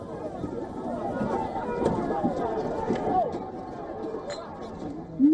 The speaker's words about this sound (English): The incident triggered a protest in Bologna and clashes broke out between demonstrators and riot police. Police sprayed water towards protesters and fired tear gas canisters as they moved to disperse the crowd.